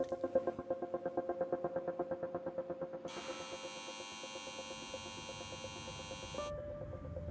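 A steady mechanical hum of large turbines at a CO2 capture plant in the Swiss subalpine region, powered by a waste incineration plant and filtering CO2 from the air, with a rapid pulsing throb; midway a bright high-pitched whine and hiss join for a few seconds before dropping away, leaving the drone.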